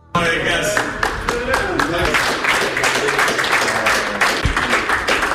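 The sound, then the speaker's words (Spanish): Belgium national football team players and staff applaud Doku on his return to the squad at the World Cup: steady, dense clapping starts abruptly and keeps an even loudness for several seconds, with faint voices murmuring underneath. “Esos aplausos son para Doku por parte de sus compañeros y de los integrantes de la selección belga en el regreso y en, bueno, pues en la reincorporación a un Mundial que no se le está dando del todo bien a Bélgica.”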